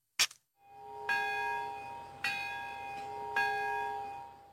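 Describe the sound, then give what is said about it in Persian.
A large memorial bell tolls three times at steady intervals in Nagasaki, Japan, at a ceremony remembering the atomic bombing, each strike ringing out with long, rich overtones that hum and decay between hits, preceded by a brief sharp knock. “صدایی از دل آسمان گرفته ناگازاکی، ناقوسی که 81 سال است بشریت را فرا می‌خواند تا فاجعه ای را یاد داشته باشد که بر سر این شهر گذشت.”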